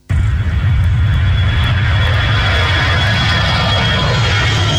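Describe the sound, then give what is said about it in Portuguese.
An airplane engine roars steadily in Cabinda, a broad rumbling noise with a thin high whine running through it, holding loud and even for the whole stretch with no voices. “Um som de avião que se intensifica em cabinda, com mais frequência dos voos da TAG e agora também da companhia aérea privada Airjet.”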